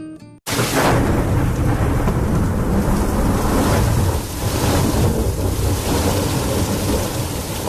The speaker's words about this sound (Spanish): ¿Puedo pasar? Afuera está lloviendo.